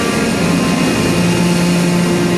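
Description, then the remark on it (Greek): A steady, loud aircraft engine drone with a low hum and sustained tonal whine, continuous throughout, as an airplane carrying the Holy Belt relic taxis for takeoff from Belgrade, Serbia. “Το αεροπλάνο τροχοδρομεί για την απογείωση.”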